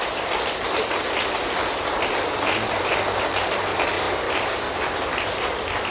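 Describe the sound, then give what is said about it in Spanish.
A church audience applauds to give thanks, a dense, continuous crackle of many hands clapping at once, holding an even, fairly loud level for about six seconds with no voices over it. “Suelte fuerte ese aplauso primero.”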